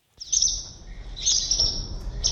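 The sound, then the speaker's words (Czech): High, bright twittering of swallows in quick, overlapping bursts, a lively chatter of several calls with a low rumble of background noise underneath, under a bridge under construction in Břeclav, where five swallow nests were found. “Pod mostem jsme během několika minut našli 5 vlaštovčích hnízd.”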